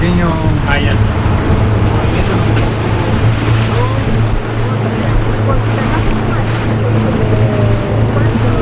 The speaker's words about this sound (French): Bon, après avoir visité la maison des travailleurs, on va aller visiter le site d'élevage qui se trouve juste à côté à quelques mètres. Donc on va remonter dans le bateau.